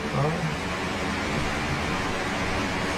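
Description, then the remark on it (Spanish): Rain, picked up by a microphone hanging from the ceiling, falls in a steady, unbroken hiss that stays evenly loud throughout, with a faint murmur of a voice briefly underneath at the start. “si yo dejo de hablar ahora, dejo, no hablo, tú no decís nada, dejamos nada más que la lluvia.”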